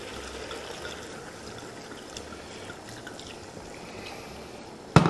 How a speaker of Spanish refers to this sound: Bueno, primero vamos a gastar este vino que tenía aquí en esta botella y ahora vamos a echar un poquito más.